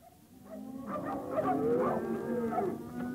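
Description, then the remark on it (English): Several cattle low at once during a roundup for the sale yards in the West Paddock at Broadmeadows, their long, overlapping moos rising and falling in pitch, building steadily louder over a few seconds, with no talking. “That same afternoon, I rode out to the West Paddock at Broadmeadows to supervise the roundup of some cattle for the sale yards, or more precisely, to supervise the selection of them.”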